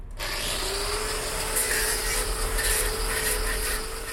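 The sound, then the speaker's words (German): A power grinder works steadily against a cow's hoof horn during hoof trimming, dust flying in all directions, a loud, continuous abrasive roar with a faint, even whine running underneath and harsh scratchy surges at the top, no voices. “Erst auskratzen, eventuell zurückschneiden, dann kommt das Schleifen.”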